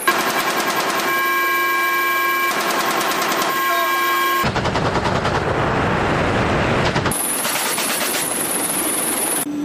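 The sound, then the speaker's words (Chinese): Rapid, sustained bursts of automatic fire from a helicopter's airborne weapons striking targets such as drones and unmanned boats in a training exercise at sea, crackling loudly over a steady whining engine drone, with a dense roaring stretch in the middle before the rattling bursts resume. “飞行员迅速调整编队队形，依托观瞄设备快速稳定锁定目标，灵活选择机载武器进行打击。”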